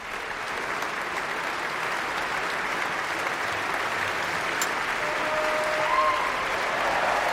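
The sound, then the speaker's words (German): Sustained applause from a large concert audience at the Konzerthaus am Gendarmenmarkt for violinist Christian Tetzlaff and conductor Simone Young after a violin concerto, a dense, steady wash of clapping at an even volume throughout, with no voices standing out above it. “Großer Applaus für Christian Tetzlaff.”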